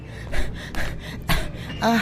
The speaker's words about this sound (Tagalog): Bakit hingal na hingal ka? Ang bilis mo kasing maglakad. Kaya tumakbo na ako.